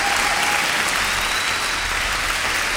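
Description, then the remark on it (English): A steady, dense applause sound effect from a sizable crowd, many hands clapping continuously at a constant loud level for the whole stretch, with no voices standing out. “I'm just keeping the applause going.”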